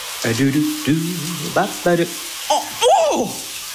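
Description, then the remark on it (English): A steady hiss of water spraying runs throughout, like a running shower, as a person gets a surprise cold shower and lets out a series of short, sharp yelps and gasps over it. “That's the sound of a surprise cold shower.”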